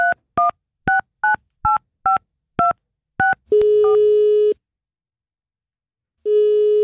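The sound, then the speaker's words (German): A rapid run of about nine touch-tone dialing beeps, then a steady telephone busy signal that sounds, pauses in silence, and starts again. Clear, with no voices. “Da nehmen wir auch mal das Telefon in die Hand und rufen irgendwelche Indie-Pop-Bands an für euch.”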